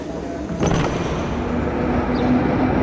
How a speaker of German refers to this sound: der hat für uns mal ein Ticket gelöst und ist in die Straßenbahn gestiegen, um eine Antwort auf Nikas Frage zu finden. Einsteigen bitte.